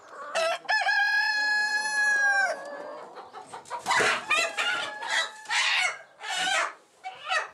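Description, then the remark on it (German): A rooster on a farm lets out one loud, drawn-out crow, followed by a jumble of short clucks and squawking bursts from other fowl. “Es ist schwierig, er ist ein Problemhahn.”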